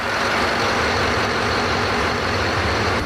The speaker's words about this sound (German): Dieser Motor ist gar nicht der große Motor, ne, sondern? Nein, das ist unser Bugstrahlrudermotor.